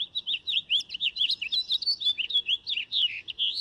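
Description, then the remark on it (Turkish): A nightingale, recorded in Ankara, sings a rapid, continuous stream of high, varied warbling notes and chirps, with pulsing phrases that rise and fall in quick succession. No voices are heard. “O ses bülbülün en tipik seslerinden biri.”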